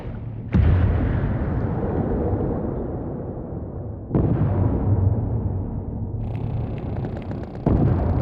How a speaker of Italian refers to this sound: Usano le esplosioni per determinare cosa ci sia sotto il fondo del mare.